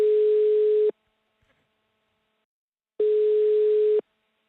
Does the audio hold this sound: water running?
no